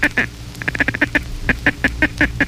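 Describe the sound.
A duck call blown in a fast chatter: short, sharp nasal notes in quick bursts, a rapid run in the middle then evenly spaced notes, fairly loud with a low hum underneath.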